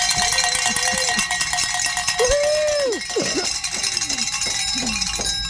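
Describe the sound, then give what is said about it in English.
Several cowbells, rung by kids during a radio fundraising drive, clang continuously and loudly, a dense overlapping jangle of metallic rings with bending tones, as if many bells are shaken at once. “And those cow kids are very happy they got to ring some bells.”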